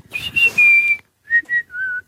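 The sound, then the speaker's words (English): A person whistles a birdlike call: a long sliding high note that wavers and drops, a pause, then two short chirps and a final sustained lower note. No one speaks. “He was about eight, and I just imitated a bird.”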